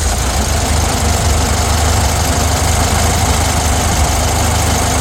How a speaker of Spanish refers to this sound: ¿Alguna vez te has subido a un bochito? Ese coche pequeño, redondito, que suena diferente y que, sin importar la edad, todos o la gran mayoría reconocemos al instante.